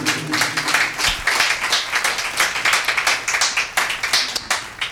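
A church audience claps their hands together in praise to God in a dense, steady burst of applause, loud and continuous for several seconds, with a low hum underneath.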